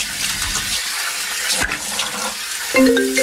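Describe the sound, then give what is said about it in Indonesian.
Steady rushing water pours from a tap, with brief splashes and a short tonal squeak near the end, as someone washes their face at a sink. “Cuci muka dulu deh, biar gak ngantuk.”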